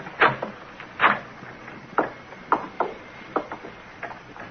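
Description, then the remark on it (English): A door knob on a door off a hallway is rattled and twisted by police, giving a string of sharp metallic clicks and clatters at uneven intervals, strongest at first and then fading, with no voices. “Try the knob.”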